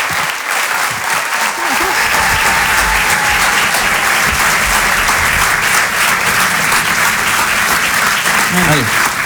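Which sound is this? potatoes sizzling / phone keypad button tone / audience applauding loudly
audience applauding loudly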